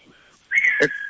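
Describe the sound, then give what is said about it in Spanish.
A sharp, high whistle rises suddenly and holds steady for about half a second, loud, with a brief burst of noise near its end and a fainter tone trailing after. “Escuché un silbido”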